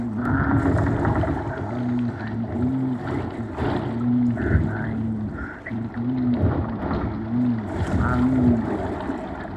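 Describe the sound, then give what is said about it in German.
A stream babbles and splashes steadily, while low, drawn-out groaning tones rise and fall in a slow, repeating pattern over the water. No one speaks. “das Plätschern, das mir schon oft was erzählt hat”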